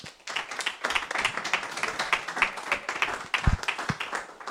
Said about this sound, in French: On peut les applaudir hein, quand même.